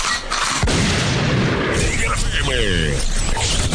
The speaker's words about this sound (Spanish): Arma de grueso calibre.